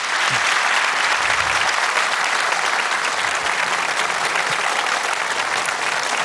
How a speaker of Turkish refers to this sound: Kendisine buradan saygılarımızı, selamlarımızı gönderelim. Bir alkışlarınızla şöyle.